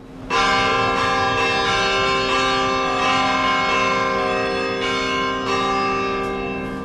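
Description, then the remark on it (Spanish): Church bells ring loudly and steadily, with repeated overlapping strikes blending into a rich, sustained resonance that fills the whole stretch without any voices. “Y las campanas nos recuerdan que llega el momento de abrir los tesoros custodiados en los archivos de las catedrales iberoamericanas.”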